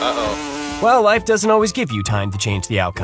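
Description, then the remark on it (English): A dense, droning buzz of angry wasps from a knocked-down wasp nest swarms loudly at the start, then a voice cuts in and keeps talking over it as the insect noise drops away. “You know, you could hit pause when you needed to, or hit rewind, like that time you knocked down that wasp's nest.”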